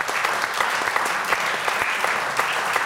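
An audience claps steadily, a dense, sustained patter of many hands with scattered sharper claps standing out, holding at a fairly even loudness throughout without any voices.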